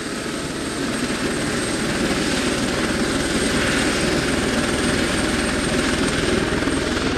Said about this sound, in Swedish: En helikopter är på väg att lyfta här och de håller på att avsluta arbetet inför helgen.